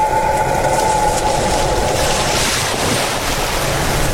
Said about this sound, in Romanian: Cumplite valul răscolește marea.